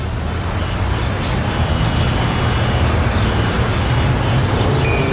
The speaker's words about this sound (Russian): Вот и наш автобус.